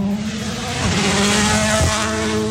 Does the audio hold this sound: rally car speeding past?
yes